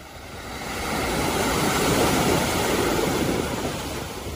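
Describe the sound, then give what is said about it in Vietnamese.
Sea waves break and wash onto Sầm Sơn beach in a steady, broad roar that swells in the middle and eases off, with no voices present. “Mỗi mùa du lịch, biển Sầm Sơn lại đón những dòng người từ khắp nơi tìm về.”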